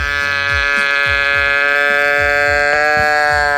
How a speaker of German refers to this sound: Der irgendwie auch verdächtig nach einer Ziege klingt.